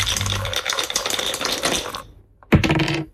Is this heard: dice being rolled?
yes